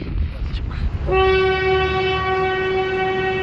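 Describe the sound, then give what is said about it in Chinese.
A train on the Qinghai-Tibet Railway rumbles, then a loud, sustained horn blast sounds from about one second on and holds steadily to the end over the continuing rail noise. “2006年，青藏铁路全线开通，带来了外面世界的精彩，也连通了广阔的市场。”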